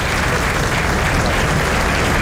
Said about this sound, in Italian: E sentiamo ancora l'applauso scrosciante in sottofondo. Applauso di tutta la tribuna.